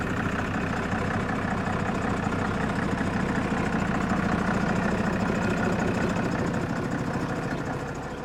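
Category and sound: vehicle, bus engine idling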